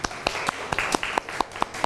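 A small group of students in a classroom claps for a classmate in a steady, fairly quick rhythm, sharp hand claps repeating about every quarter second against a busy background.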